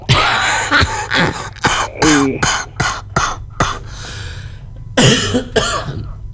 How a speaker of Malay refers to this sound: Kenapa aku datang kok langsung batuk? Dari kemarin saya batuknya. Tak empet sampai sampean bergabung iki. Oh iya. Alhamdulillah masih dikasih batuk ya.